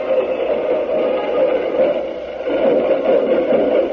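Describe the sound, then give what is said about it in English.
A band plays at a parade, a loud, steady wash of muffled brassy music with a slight dip in volume midway. No one speaks over it. “Now we're going to let you listen to the band for a moment.”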